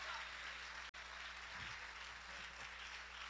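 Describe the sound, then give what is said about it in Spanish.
A crowd claps steadily for the Lord in dense, continuous applause that fills the room, with a brief cut near the start and faint voices mixed underneath. “Denle un aplauso fuerte al Señor en esta preciosa hora.”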